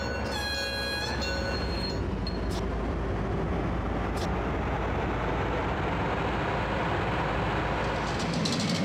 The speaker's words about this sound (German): Man kann selber den Lokführer spielen oder man kann einfach den Zug an sich vorbeiziehen lassen und denken, ja, 40, 50 Jahre zurück, da muss es ungefähr so ausgeschaut haben.